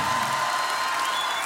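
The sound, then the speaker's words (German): A crowd applauds the choir Octacord at the Matakustik show, the dense patter of many hands clapping at once, holding an even, fairly loud level throughout with no voices standing out. “Großen Applaus für Octacord, Ladies and Gentlemen.”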